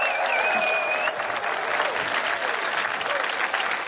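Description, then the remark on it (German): Steady, dense applause from an audience for a musician, many hands clapping at once in a loud continuous wash, with a brief whistle-like tone rising over it at the start. “Applaus, das ist mehr drin.”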